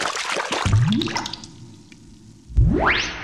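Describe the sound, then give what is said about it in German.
A watery splash and sloshing in a bathtub as Kali dives under to the bottom, followed by two distinct drip-like plops with rising, bubbly pitch, the second louder; clear with no voices. “Kali ist in der Badewanne getaucht.”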